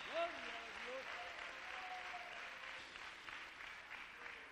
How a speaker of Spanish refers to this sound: Démosle un fuerte aplauso al Rey de la Gloria, que tiene compasión de usted y de mí. Aleluya.